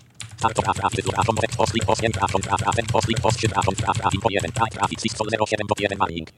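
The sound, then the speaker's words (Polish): Computer keyboard keys being pressed, a run of quick, light clicks, including repeated presses of the M key while checking a folder list, heard beneath a person talking steadily throughout. “Jak widać na M, mogę sobie naciskać, nie ma nic, tam bo folder.maco.sx, ale to on się na kropkę zaczyna, czyli się nie liczy.”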